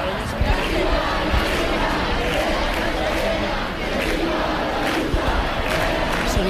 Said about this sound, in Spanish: esos mismos insultos, esos mismos pitidos del público de los que nos hablaba nuestra compañera, que están ustedes mismos escuchando en directo